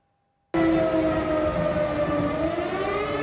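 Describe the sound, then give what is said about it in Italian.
Air raid sirens wail loudly and steadily across eastern Poland after Russian bombing of western Ukraine, sounding after a brief silence, their sustained tones gliding slightly over a dense, noisy background, with no voices. “In tutta la Polonia orientale risuonano le sirene.”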